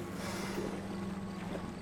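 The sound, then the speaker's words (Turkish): A boat motor on the Paraná River in Argentina drones steadily throughout, a constant low hum layered with wind and water rush, unbroken with no voices. “Şşt, motoru durdur.”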